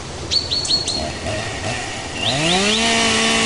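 Birds chirp in short, high bursts, then a chainsaw starts up cutting trees near water springs, its engine rising into a loud, steady buzzing whine that continues to the end, with no talking.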